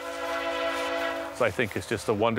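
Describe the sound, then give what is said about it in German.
A train horn sounds a long, steady chord from about 2 kilometers away on the Canadian prairie for over a second as the train approaches, then a man begins speaking as it fades. “Ein wunderbares Geräusch, das nur ein Zug macht.”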